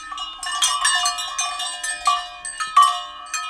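Several cowbells hung around the necks of a herd of cows on a mountainside clank irregularly and overlap, a steady jangling clatter from the grazing herd, with no voices.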